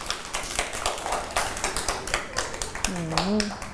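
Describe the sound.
A small group claps hands in steady, overlapping applause for several seconds, fairly close and moderately loud, with a voice briefly speaking over the clapping near the end.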